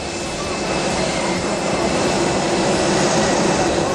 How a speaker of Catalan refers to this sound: És l'avió Falcon del rei Felip VI, cedit al Papa Lleó XIV després d'una avaria que ha tingut durant una hora i mitja més del que estava previst el Papa Lleó XIV a les Illes Canàries.